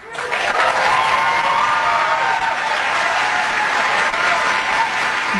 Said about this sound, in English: Normally, I would be a little surprised at a whole bunch of people applauding something like this without any real detractors in the audience.